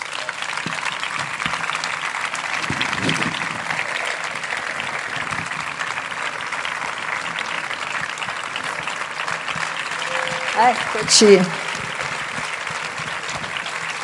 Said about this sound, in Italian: bentornato. Questo applauso.